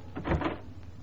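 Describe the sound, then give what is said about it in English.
A key turns in a door lock: a brief metallic rattle and clunk lasting about half a second, fairly quiet, with no voices. “All start when a door is unlocked by...”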